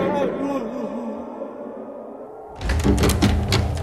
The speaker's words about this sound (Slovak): Prečo búchaš, človeče potulný? Hlúpa otázka. Búcham, lebo chcem do mesta. Pusti ma. Je zima.